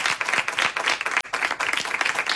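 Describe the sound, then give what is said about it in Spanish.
A group bursts into steady, dense applause for an arriving guest, a singer, vocalist of a band. Many hands clap loudly, with a brief dip partway through before the clapping picks right back up. “¡Un aplauso para él!”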